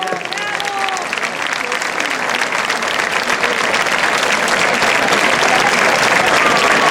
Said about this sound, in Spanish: Así que de verdad, os pido a todos vosotros un fuerte aplauso para la Casa Extremadura de Leganés.